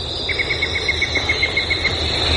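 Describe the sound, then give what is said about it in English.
A yellow-breasted chat gives a quick, even series of about a dozen short, clear whistled toots in the morning, over a steady high insect drone and no talking. “All those different notes, you know, tweet, toot, toot, toot, toot, toot, toot, yank, yank, that's all the same bird. That's the yellow-breasted chat, and that is one of my favorites of this time of the year.”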